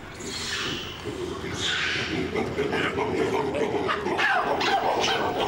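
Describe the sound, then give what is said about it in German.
A troop of baboons in an enclosure at Hagenbecks Tierpark zoo erupts in loud, overlapping barking alarm calls at a foreign object in the enclosure, harsh and continuous for several seconds, with a chaotic chorus of voices. “Irgendeiner fängt an und schreit Alarm, Hilfe, und dann machen alle mit.”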